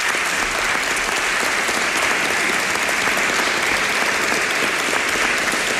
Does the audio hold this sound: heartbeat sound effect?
no